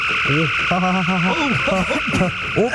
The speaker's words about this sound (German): du Blödkopf, du musst den Phaser auf Grillen stellen und nicht auf Entmaterialisieren.